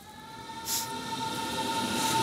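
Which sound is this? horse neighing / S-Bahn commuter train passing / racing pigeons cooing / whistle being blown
S-Bahn commuter train passing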